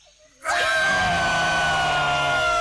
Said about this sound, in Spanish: No puedo decir nada, pero acá se escuchan gritos, ¿eh? ¿En serio? ¿Están festejando algo?